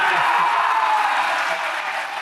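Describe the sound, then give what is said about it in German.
A large crowd cheers and applauds loudly and continuously, a dense wash of clapping and shouting voices that holds steady with no individual speech, after the announcement that Munich is Germany's bid city for the Olympic Summer Games. “Der Jubel war groß gestern.”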